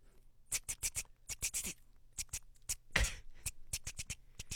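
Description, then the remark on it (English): Rapid, uneven clacks of typewriter keys struck one after another in quick bursts, with a slightly heavier thunk midway, fairly crisp with no voices. “Typing. Number one, Nuds, is? On a typewriter.”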